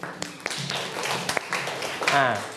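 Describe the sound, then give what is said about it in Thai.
A class claps hands in scattered, uneven bursts rather than steady applause, with sharp individual claps standing out, and a voice speaks near the end. “เจ็บคอปรบมือครับ”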